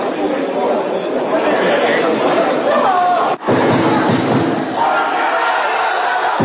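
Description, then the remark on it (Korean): A large crowd of football fans shouts angrily at an airport at 4 a.m. as former coach Hong Myung-bo and several players return, yelling for Hong Myung-bo to leave; a dense continuous roar of many voices with yelled chants, broken by a sharp thud and a brief dip before the loud shouting resumes. “현장에 새벽 시간에 수많은 팬들이 가서 또 분노를 표출했는데 그 영상이 준비되어 있습니다.”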